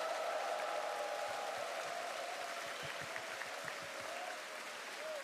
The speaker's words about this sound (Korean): 대한민국의 문화사절단 그리고 하늘나라의 복음 전달자로서의 사명을 감당하고 있는 우리 어린이 합창단에게 다시 한번 큰 박수 보내주시기 바라겠습니다.